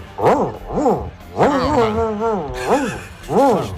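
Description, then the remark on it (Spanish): A radio listener mimics an angry dog with loud voiced barks, two at first, then a long wavering snarling growl, followed by two more sharp barks, with no other talking. “Perro cabreado.”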